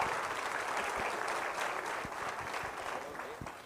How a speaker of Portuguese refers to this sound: Os aplausos